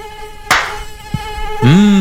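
Many mosquitoes whine steadily in a thin, high buzz throughout, broken by a sharp knock and a soft thud, before one buzz swells loudly near the end.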